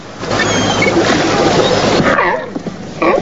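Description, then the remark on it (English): Grey seals call with wavering, howling moans near the end, rising over a steady wash of surf and splashing water that fills the first half. “Grey seals. They look nice and friendly.”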